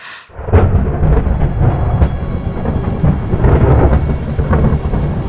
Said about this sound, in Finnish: Ukkonen jylisee läheisillä vuorilla.